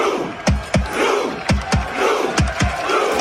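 Hundreds of Norwegian football supporters sitting in the streets at the World Cup perform a Viking rowing chant, miming Vikings rowing their longships: loud, sharp collective shouts and beats landing in steady paired pulses over a continuous roar of crowd noise.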